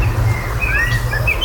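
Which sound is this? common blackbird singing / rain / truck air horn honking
common blackbird singing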